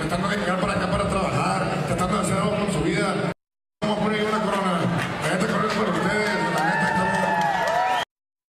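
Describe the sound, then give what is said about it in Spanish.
A dense crowd roars and cheers with scattered claps and whoops as one of Pepe Aguilar's sons is crowned king of mariachi: a steady loud wash of many voices, cut by a brief silent gap, then resuming with high shouts and whistles. “Ahí está la fuerte reacción. Algunos la aplaudían”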